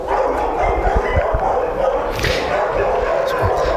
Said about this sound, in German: Können Sie ihn denn am Bellen eigentlich erkennen oder bellt er gar nicht so viel? Doch, der bellt leider sehr viel.